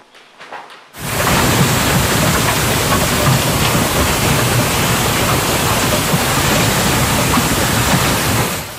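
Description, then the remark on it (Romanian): A heavy hailstorm with golf-ball-sized hail in early summer in Denver, United States, starts abruptly after a brief quiet moment, a dense, steady roar of hail pounding down, loud, with no voices throughout. “Furtună devastatoare cu grindină de dimensiunea unei mingi de golf la începutul verii în Statele Unite.”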